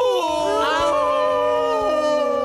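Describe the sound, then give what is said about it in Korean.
A wolf howl, long and loud, with several drawn-out wavering tones overlapping and sliding in pitch, sustained without a break from start to finish. “남자는 울지 않고 노래합니다. 늑대의 노래.”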